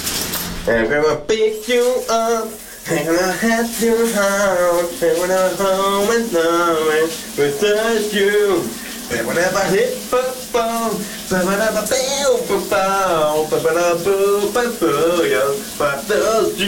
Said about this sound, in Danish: bare i den grad kæmpe fredagsstemning under bruseren hos min kollega